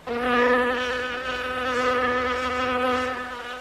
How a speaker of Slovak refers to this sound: Neskôr mi občas cez hlavu preletelo čosi podobné tomu, čo vy nazývate mucha.